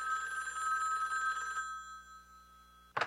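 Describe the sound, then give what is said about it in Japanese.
A telephone rings in the middle of the night with a bright, steady electronic tone for about a second and a half, then falls silent before a brief clunk near the end, likely the receiver being picked up. “2週間後、真夜中に電話が鳴りました。”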